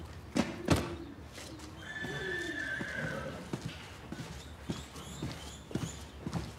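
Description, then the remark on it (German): A horse whinnies in a drawn-out, wavering call, followed by a series of sharp hoof clops at an uneven walking pace. “Du denkst keine Schweinerei, ne? Weil du ein Pferd bist.”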